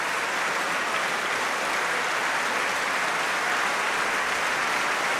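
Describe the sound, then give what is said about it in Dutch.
A sustained standing ovation from a large concert audience thanking a choir after a performance of Martin's Mass, a dense, even wash of clapping that holds steady at full strength for several seconds without letting up. “En het mooie is, het publiek blijft gewoon staartklappen.”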